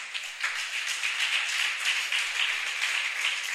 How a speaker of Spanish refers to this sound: ¿Cuántos alaban la gloria del Señor? Regálele un aplauso a Jesús, por favor.